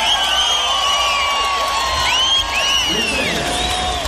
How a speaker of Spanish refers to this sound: Muchas gracias, un aplauso, por favor.